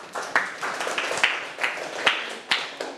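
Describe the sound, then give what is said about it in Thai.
Students in a classroom break into applause for classmates who answered correctly. It is a dense crackle of many hands, with sharper, louder claps punching through at a loose, roughly half-second rhythm. No one speaks over it. “ถูกต้อง ตอบได้ถูกต้องปรบมือให้เพื่อนครับ”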